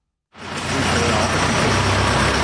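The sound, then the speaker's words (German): A small truck's engine rumbles steadily after a brief moment of silence, a low throbbing drone with broad mechanical noise as it pulls out of the garage at Berghof, a little outside the village centre of Tüfe (Teufen), Appenzell Ausserrhoden, eastern Switzerland. “Ein kleiner Lastwagen fährt gerade aus der Garage vom Berghof, dort zu Tüfe ein bisschen ausserhalb vom Dorfkern.”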